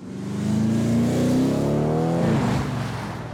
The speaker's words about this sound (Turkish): Bu hafif siklet bir araba değil. Bu bir Alman boksörü. Burada dört nala ufka doğru koşan deli gibi güçlü bir Alman arabası var. Bu muhteşem ve hızlı bir sedan. Ya da kupe mi demeliyim? Ve bu arabanın çok fazla çekiş gücü de var.